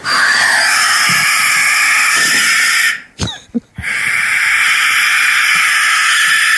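A possum screams in a loud, harsh, raspy hiss that runs for several seconds, breaks off briefly with a couple of sharp clicks, then starts up again just as loud.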